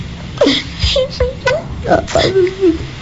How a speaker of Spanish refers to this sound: Está llorando